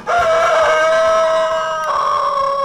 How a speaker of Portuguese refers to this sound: O galo já cantou aí